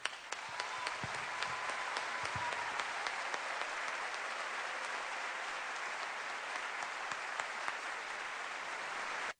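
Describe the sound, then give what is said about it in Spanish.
Sustained audience applause for the artists on stage, a dense, steady wash of many hands clapping at even loudness for about nine seconds. A few sharper individual claps poke through before it cuts off abruptly. “Y yo les brindo mi aplauso personal.”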